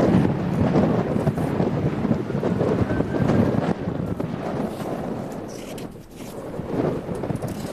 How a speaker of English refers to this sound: And you can hear the serious challenges that crews are facing. Those ferocious howling winds are fueling these massive walls of flame.